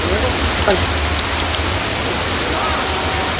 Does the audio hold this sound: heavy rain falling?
yes